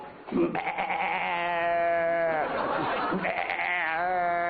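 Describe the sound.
A person imitates a mother goat's bleat, holding a long, wavering, nasal call with a slight break midway, no other talk around it.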